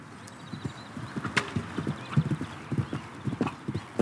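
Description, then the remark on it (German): Horse hooves clip-clop in a steady, uneven rhythm of sharp, dull knocks at a horse farm on the island of Föhr, with a brief whinny-like high sound partway through and no one talking. “Heute stellen 15 Föhrer hier ihre Pferde unter und trainieren auf dem neuen Springplatz und in der Reithalle.”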